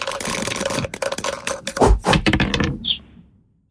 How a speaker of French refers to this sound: On les lance, ces dés? Eh ben, c'est parti. Allez, c'est parti.